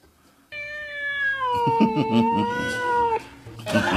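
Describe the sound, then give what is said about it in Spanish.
A cat lets out one long, drawn-out meow, strained and wavering like a yowl, fairly loud, fading into faint background noise after about three seconds. “hay un gato que teníamos en la radio, está filmando una antena, porque ese con el viento de ayer se estaba medio doblando, así que ya, el gato para arriba, ahí está.”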